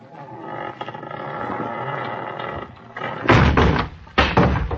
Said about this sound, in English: Yeah, it is unlocked. There's no light in the room. Now listen. I'm going to shove the door open, shine my light in.